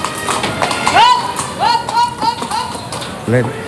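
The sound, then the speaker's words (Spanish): Hooves of Aladín, a grey Luso-Arabian horse with green and white ribbons, clip-clop in a quick, uneven rhythm as it performs a pirouette in a circle, while voices and a few high, wavering tones sound over the steps. “Este caballo se llama Aladín, un caballo tordo, luso árabe y con lazos verdes y blancos.”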